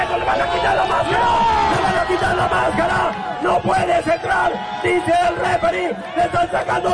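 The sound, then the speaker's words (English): A large lucha libre wrestling crowd roars and shouts in a sustained, loud wave of overlapping voices, with yells and cries rising and falling, as a rudo dressed in the American flag pins wrestler Rey Jaguar face down and unties his mask. “This is how the crowd reacted.”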